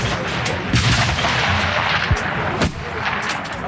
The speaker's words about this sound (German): Der erste Schuss geht an der Scheibe vorbei.